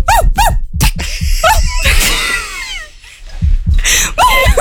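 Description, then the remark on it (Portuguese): A voice imitates Pluto the dog barking, with a few sharp, yelping bursts, followed by a squeaky whining sound and more short barks, loud and lively with laughter-like noises mixed in. “O Pluto chega latindo com o Donald.”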